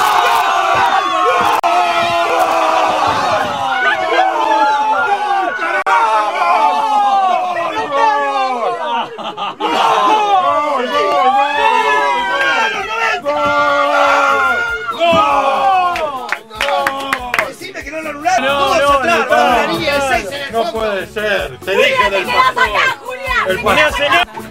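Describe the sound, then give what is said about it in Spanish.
A crowd of excited voices yells and screams continuously during a football match, overlapping shouts and cries rising and falling in waves, loud throughout the whole stretch. “Perdón por los gritos.”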